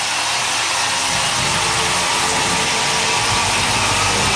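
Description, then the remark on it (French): A loud, steady roar of a large crowd cheering for Léon Marchand as he steps onto the top step of the medal podium. It is a dense wash of voices and applause that swells slightly in the first second and then holds. “Vous allez entendre l'acclamation pour Léon Marchand.”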